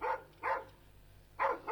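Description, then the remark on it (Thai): A dog named Dang barks three times at a visitor in short, sharp bursts, a pair close together and then one more after a pause, with no talking. “ด่างหยุดเห่าเดี๋ยวนี้นะเห่าอะไรนักหนาไม่เคยเห็นหน้าคนมาหรือไง”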